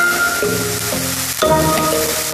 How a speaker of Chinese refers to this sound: 翻卷分切揉压，得来一张薄饼。小火慢煎，面粉汲取油脂，随即显出金黄。